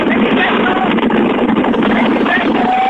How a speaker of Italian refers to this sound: Lo senti il vento? Lo senti il vento della tangenziale?